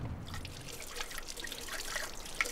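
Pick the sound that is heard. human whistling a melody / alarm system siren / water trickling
water trickling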